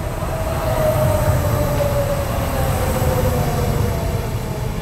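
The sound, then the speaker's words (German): Steady rumble of a moving train on the way back from rainy Hallstatt, heard from inside a carriage, with dense low-frequency roar, a faint wheel squeal tone, and constant loud engine and track noise throughout, no voices. “Im Zug zurück unterhalten sich Dominika Meindl und Elias Hirschl über die Vergangenheit und die Zukunft.”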